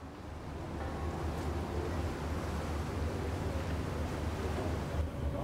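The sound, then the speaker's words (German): Choppy water of Lake Lucerne sloshes steadily against the hull of a ship turning at the Flüelen landing in central Switzerland while wind rushes across the microphone, a dense, continuous roar with a low rumble underneath and no voices. “Hier wendet das Schiff. Der See wird unruhig.”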